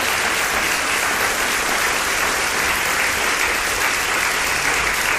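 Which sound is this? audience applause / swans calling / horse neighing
audience applause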